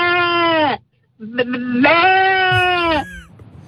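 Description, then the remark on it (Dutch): A person imitates a sheep with two loud, nasal, wavering bleats separated by a short pause, the second longer and shakier than the first. “Oh, schaap ook. En een schaap.”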